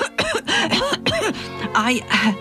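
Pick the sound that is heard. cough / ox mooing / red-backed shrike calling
cough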